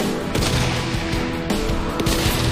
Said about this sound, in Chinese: 这个小的爆炸头其实就是对狙击手目的的干扰。